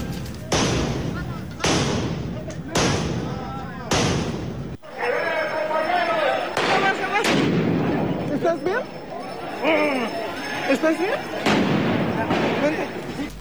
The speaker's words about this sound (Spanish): La protesta subió de tono cuando un grupo de sujetos se dejó ver con tubos, palos y mazos mientras se registraba el lanzamiento de cohetones, petardos, polvo de extintores y objetos desde ambos lados de las vallas.